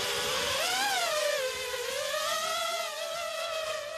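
Drone rotors buzzing at takeoff after a rotor test: a steady, high whining hum with layered harmonics, its pitch rising, briefly dipping, then climbing slowly again. Fairly loud and continuous, with no voices.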